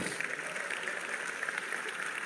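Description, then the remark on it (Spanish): A crowd claps steadily for a couple of seconds for someone presented as a locust monster with a tail, a dense, even patter of many hands at moderate volume, with no voices standing out. “Un aplauso para el monstruo.”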